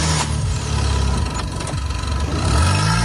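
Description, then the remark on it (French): A car engine, in the vehicle with the good battery during a jump-start of a broken-down car, starts and runs with a low steady rumble rising and falling in pitch as it revs up, then surges louder near the end. No one speaks. “Une fois les deux voitures ainsi reliées, démarrez le véhicule équipé de la batterie en bon état et laissez tourner le moteur quelques instants, puis essayez de démarrer la voiture en panne.”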